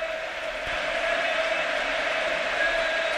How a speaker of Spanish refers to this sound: Es Pedri el hombre que abandona el terreno de juego. Partido 250 con la camiseta del Barça de Pedri. Recibe una gran ovación del Camp Nou.